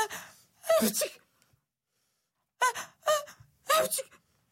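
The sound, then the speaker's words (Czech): Five sharp, breathy sneezes, fairly loud: two in quick succession, a pause of over a second, then three more in a steady rhythm, with no talking. “Kýchala a kýchala.”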